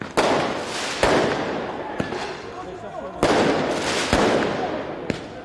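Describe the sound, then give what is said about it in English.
Sharp firework bangs burst repeatedly, roughly once a second, as fireworks are thrown at police during clashes with football fans in the streets of Paris after Paris Saint-Germain's Champions League final victory, over a constant roar of a crowd outdoors, with some louder blasts echoing through the street. “Fireworks and other projectiles were thrown at the police.”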